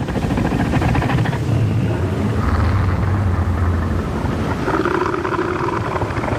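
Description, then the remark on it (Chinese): A male northern elephant seal's threat roar, warning other males to keep their distance and marking out its territory: a loud, deep, rapidly pulsing throb that rumbles on without pause, with wind and surf hissing steadily behind it. “所以，雄性北象海豹会用具有威慑力的叫声警告其他雄性保持距离，划分出自己的领地。”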